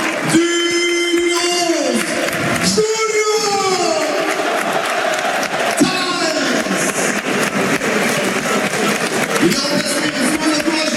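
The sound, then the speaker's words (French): A football stadium crowd applauds a goalscorer, Julio Tavares, as he is substituted off, in a dense, steady wash of clapping and cheering that holds at full volume for about eleven seconds, with sustained shouted or sung calls rising above it. “La sortie du buteur, la sortie sous applaudissement.”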